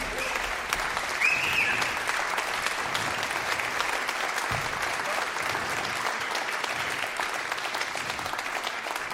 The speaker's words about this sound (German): Und ja, ein Applaus vielleicht jetzt schon, das ist ganz nett.